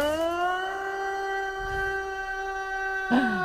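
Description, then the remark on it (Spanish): A siren sound effect: a loud, steady siren wail with a strong harmonic tone holds throughout, rising slightly at the start and dipping briefly near the end, with no voices over it. “¿Haz la sirena? ¿Eh? La sirena.”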